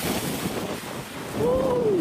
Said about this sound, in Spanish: La tormenta tropical Berta avanza en el estado de Texas después de rozar el sur de Luisiana en un lento avance que provocó fuerte oleaje y algunas inundaciones a lo largo de la costa del Golfo, como muestran estas imágenes.